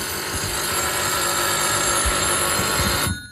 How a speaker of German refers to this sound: Also, jetzt fährt's los. Ja, und es schält also immer noch mit dem Glöckli und nicht irgendwie digital.